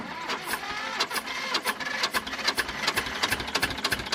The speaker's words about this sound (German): Ein Traktor aus dem Jahr 1965 tuckert über das Festivalgelände. Eine von vielen alten Landmaschinen, die sich in diesen Tagen durchs kleine Vogtland auf Stelzen bewegen.